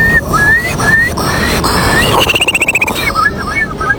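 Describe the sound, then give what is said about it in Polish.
A contestant in a bird-imitation contest of Polish bird species whistles an imitation of a Eurasian curlew: short upward-sliding fluty notes, then a rapid bubbling trill that rises and falls, followed by a few more clipped whistles. “To będzie kulik wielki. Brzmi on mniej więcej tak.”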